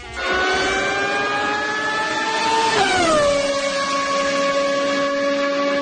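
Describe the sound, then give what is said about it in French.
A Formula 1 car engine screams at a high, slowly rising pitch, then drops sharply as it passes by and carries on as a steady, lower whine. No one speaks. “Le son de la Formule 1 qui fait vibrer beaucoup de monde, peut-être même un petit peu trop”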